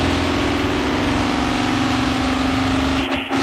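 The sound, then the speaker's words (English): A race car engine roars loudly and steadily, a constant droning growl with a strong humming tone that barely wavers, briefly dipping near the end. “If you've never been in a race car, it's incredibly loud, obviously.”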